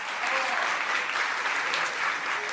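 Steady audience applause for a relative of Pato Merlín at a World Cup celebration, a dense wash of many hands clapping at an even level throughout, with no pause or letup and no voices standing out.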